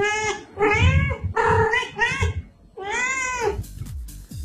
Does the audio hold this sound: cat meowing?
yes